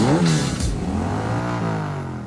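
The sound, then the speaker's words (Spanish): A Yamaha Crux motorcycle engine revs loudly, its pitch climbing and dipping in a steady growl for a couple of seconds, with no voices over it. “¿Y si con eso mismo pudieras pagar tu propia moto? La Yamaha Crux es económica y confiable.”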